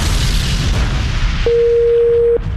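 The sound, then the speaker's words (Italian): A loud, sustained explosion effect with a deep, roaring rumble filling the whole clip, and a steady electronic beep tone sounding briefly over it near the end. No one speaks. “I tamarri vogliono far esplodere una roulotte per Capodanno e devono cercare della dinamite.”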